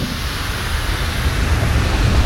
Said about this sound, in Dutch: Dat zo leeft. En dat je hoort ook allemaal, ja... Nou, dat zal ook wel die stoom zijn die daaruit komt. Die gassen.